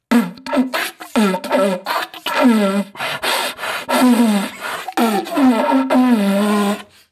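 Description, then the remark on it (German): A deer call blown in a rapid, rhythmic beatbox pattern: a string of raspy, buzzing grunts with rising and falling pitch, loud and continuous for several seconds, with no talking. “ich weiß jetzt nicht, ob du einen Hirsch damit anlocken wirst.”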